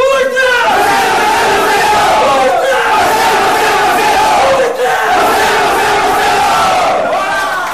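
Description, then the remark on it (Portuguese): The Clube Atlético de Macedo Cavaleiros team roars its battle cry together before Sunday's match, loud overlapping shouts sustained for several seconds with brief dips as they draw breath and chant again. “O que acaba de ouvir é o grito da equipa do Clube Atlético de Macedo Cavaleiros antes da partida deste domingo, que conquistou pela primeira vez a Taça Carlos Neto, depois de vencer o Sport Clube Vila Real sub-19 por 4-0”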